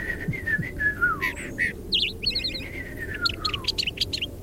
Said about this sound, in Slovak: Rastú v nej stromy a na jednom z nich sedel malý vtáčik. Prekrásne spieval.